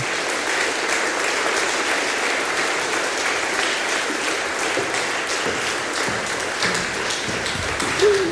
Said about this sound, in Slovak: poprosím pre ňu veľký potlesk a poď sem ku mne.